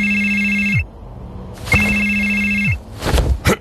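A telephone rings loudly, two long electronic rings separated by a short pause, followed by a brief clattering sound.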